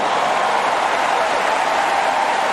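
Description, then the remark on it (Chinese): The crowd at a women's singles tennis final cheers and applauds as the camera shows Ronaldo watching: a steady, dense wash of noise that holds at an even, fairly loud level for the whole stretch, with no distinct voices standing out. “镜头给到了罗纳尔多，现场的观众也是一片欢呼。”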